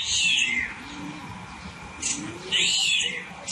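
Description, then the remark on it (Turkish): A starling mimics a cat's meow, giving two drawn-out, whiny meow-like calls with shrill rising-and-falling tones, separated by a short sharp chirp, fairly clear. “Evet, kedi sesini yapıyor sığırcık.”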